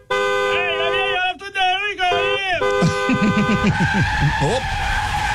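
In Chinatown, a fire truck's loud, wavering horn blares for a few seconds, then gives way to a burst of screeching, squealing tires as the truck skids and hits a person, all loud.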